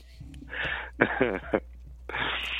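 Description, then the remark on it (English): Three harsh, breathy coughing bursts in quick succession. The middle one is rougher and partly voiced, and the last is a drawn-out raspy exhale, with no talking. “I forgot to hit the cough button.”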